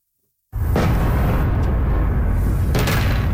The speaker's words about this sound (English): Explosions in the night sky over the capital of Ukraine. This is the sixth consecutive day of attacks from Russia.